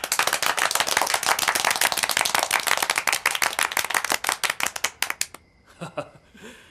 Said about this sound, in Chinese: 现在开会，首先欢迎地空导弹2营、4营的同志们。这掌声不那么热烈嘛，再欢迎一次。